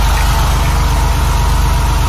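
The engine of a vintage white Porsche 911 police car with orange stripes, as used by the Dutch Rijkspolitie from the 1960s to the 1990s, idles steadily, a low rhythmic rumble with a fast regular pulse and a constant hum, with no voices over it.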